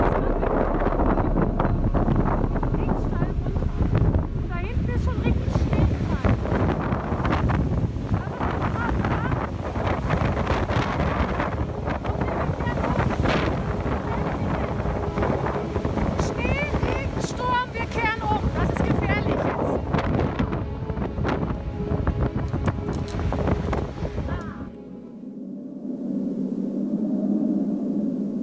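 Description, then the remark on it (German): Strong storm wind on a high mountain trail buffets the microphone in a loud, continuous roar with gusty low rumbling, dropping off abruptly near the end to a quieter, steadier hum. “So ein Sturm, dass hier die Hülle vom Bären weg.”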